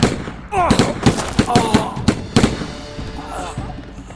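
A rapid volley of sharp gunshots, about ten loud cracks in quick irregular succession, with a shout and other voices mixed in among the blasts.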